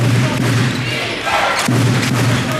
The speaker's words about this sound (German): Ihr hört Radio Köln um 6.11 Uhr und wir gehen direkt rein zu verschwitzten Trikots und quietschenden Schuhsohlen auf Hallenboden.